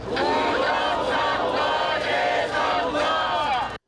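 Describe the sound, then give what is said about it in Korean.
A large crowd of protesters shouts slogans calling for a re-election in unison, their loud, rhythmic chanting rising and falling in repeated bursts with no pause for nearly four seconds before cutting off abruptly. “시위 초기 재선거를 외쳤던 참가자들.”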